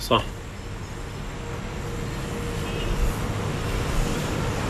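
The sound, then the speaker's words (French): Steady street traffic rumbles around the central square in Idlib, a continuous low roar of passing vehicles with a brief knock at the start and no clear talk. “On est sur la place centrale. Il y a pas mal de circulation autour de nous.”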